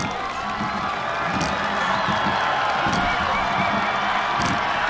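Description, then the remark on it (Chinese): A huge home crowd in the stands at the finish of a rowing race roars and cheers without pause, a dense, deafening wall of voices that stays loud for the whole stretch, with scattered shouts and whistles poking through the din. “接近终点看台了，能听到现场主场的观众震耳欲聋的欢呼声。”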